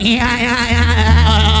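A goat bleats in one loud, wavering call that lasts over a second, with no talking around it.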